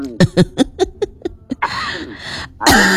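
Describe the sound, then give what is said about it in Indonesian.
Someone coughs repeatedly after eating crackers: a run of short, rhythmic hacking bursts, then two longer, harsher, louder coughs at the end. No one speaks. “Habis makan kerupuk bawaannya batuk ya.”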